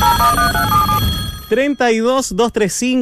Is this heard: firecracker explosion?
no